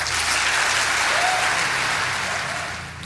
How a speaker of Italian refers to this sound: Applausi più che meritati per Luca Mercalli.